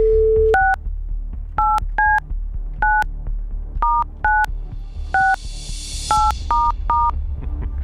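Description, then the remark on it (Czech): A telephone number being dialed live on Rádio Blaník to call a listener playing the station's game: a brief steady dial tone, then about ten crisp keypad beeps pressed at an uneven pace, clear over a low background hum. “Jdeme volat, telefonní číslo tady mám.”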